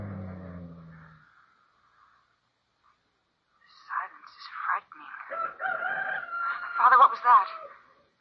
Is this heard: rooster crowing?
yes